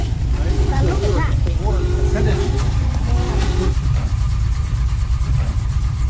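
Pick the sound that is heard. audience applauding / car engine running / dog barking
car engine running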